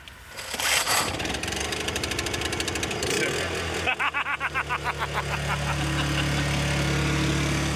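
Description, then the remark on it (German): A small built-in power generator, started from inside, cranks with a rapid rattling pull, sputters, then catches and settles into a steady, loud droning hum with a low throb. Voices can be heard faintly early on. “Stromaggregat und das können wir von innen anziehen. Also das können wir von innen starten.”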